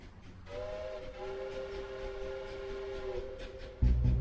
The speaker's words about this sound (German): Der Zug trägt es fort.